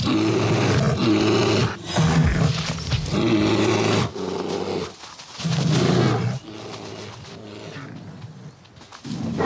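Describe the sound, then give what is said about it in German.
Deep, rasping roars and growls erupt in loud overlapping bursts, with brief pauses between them, as rival male bears fight fiercely over females ready to mate. “Erbittert kämpfen die massigen Kraftpakete um paarungsbereite Weibchen.”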